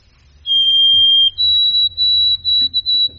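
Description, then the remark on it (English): A white-throated sparrow's clear, pure whistled song: one long steady note, then a higher held note followed by a run of short repeated whistles at that same pitch, over a low background rumble. “But the white-throated sparrow, there he is. That very clear, faint, whistled song, I love it.”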